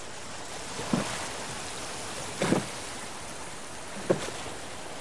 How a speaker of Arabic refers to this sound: ثم يرتفع صوت بحر وحركة قوارب